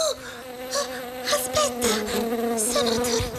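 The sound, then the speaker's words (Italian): Bees buzz steadily, a continuous droning hum with wavering pitch as several insects drift in and out, with no talking. “Ho idea che la nostra puntata di oggi sarà una puntata ronzante.”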